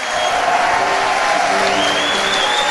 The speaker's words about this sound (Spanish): Fuerte ese aplauso que es para Jesús. Bien fuerte, Señor, tú te mereces toda la gloria. Fuerte el aplauso a Jesucristo.